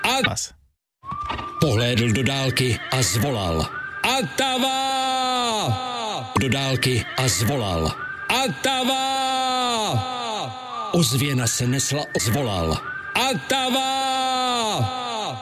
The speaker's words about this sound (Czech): Ozvěna se nesla opuštěným kaňonem a on věděl, že nebezpečí a prázdniny se blíží.